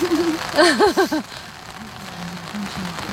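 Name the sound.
rain falling outdoors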